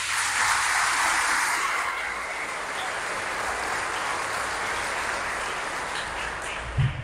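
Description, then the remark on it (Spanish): A church audience applauds to God steadily for about seven seconds, a dense, even wash of many hands clapping at once that holds its level throughout before a brief thump near the end. “Un aplauso a Dios.”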